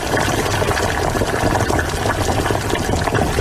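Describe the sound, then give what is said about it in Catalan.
A pot of water at a rolling boil as all the vegetables are added: steady, dense bubbling and churning fills the whole stretch, constant and fairly loud with no pauses; no voices are heard. “Mira, mira, ara l'aigua ja bull. Hi poso tota la verdura i comença a fer una boníssima olor.”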